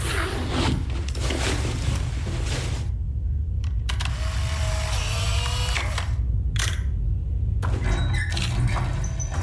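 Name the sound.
camera shutter clicking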